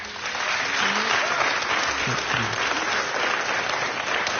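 A concert audience applauds a jazz band loudly and steadily, a dense wash of many hands clapping that holds at full strength throughout, with faint voices and murmurs mixed underneath.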